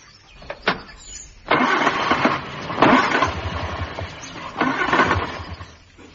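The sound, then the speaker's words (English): A car engine is cranked again and again, with several rhythmic, chugging starter bursts that never catch. The sound is fairly loud, and nobody speaks. “Get out of that bed and come and look at my car.”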